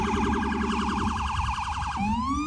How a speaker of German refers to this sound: Die Sirenen der Polizei und Rettungsfahrzeuge erträgt nur, wer sich die Ohren zuhält.